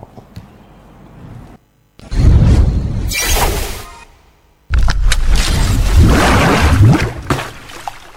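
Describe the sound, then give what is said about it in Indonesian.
A donkey brays loudly, with harsh, rasping, wheezy bursts: a long first blast, a brief pause, then a second longer one, after a quieter, low rumbling opening. “Inilah suara keledai yang dicela dalam Al-Quran.”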